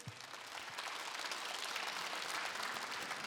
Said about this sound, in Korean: 여기 계신 여러분들도 모두 서로서로 힘내라고 서로에게 박수 한번 보낼까요?